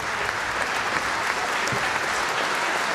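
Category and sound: crowd, concert audience applause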